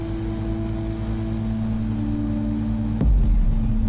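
Propellers of a drone carrying tree saplings to planting spots in a mountain gully whir in a steady, buzzing drone with a constant pitched hum, then a sharp click near the end as the sound grows louder and deeper.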